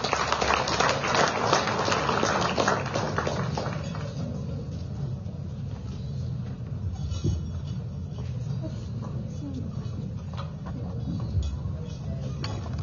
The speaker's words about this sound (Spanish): Y vamos a invitar, en palabras de circunstancia, al hermano Leonardo Loza, gobernador del departamento de Cochabamba, a quien lo vamos a recibir, por favor, con ese fuerte, fuerte voto de aplausos.